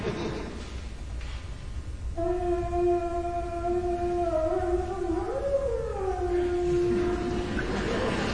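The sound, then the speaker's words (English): A long, eerie howl-like tone made by half-pressing instrument keys: it sustains steadily, bends upward and wavers midway, then settles and fades, resembling a mournful animal cry. No one speaks. “you take the vowels and you press them down halfway, and you get this sound that sounds like maybe like a distant animal scream or cry, or maybe it's like a signal from outer space.”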